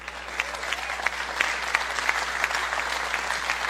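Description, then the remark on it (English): Steady audience applause with dense, even clapping throughout, with a few sharper claps standing out at a regular pace over a constant wash of hands, moderately loud and with no voices. “Even though the applause has already happened, I'm going to do it.”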